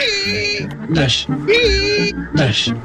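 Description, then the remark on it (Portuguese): Worn car windshield wiper blades squeak in a steady back-and-forth rhythm, loud high-pitched squealing strokes alternating with brief rubbing scrapes, two full sweeps with no talking. “Não, não é apenas o barulho das escovas gastas.”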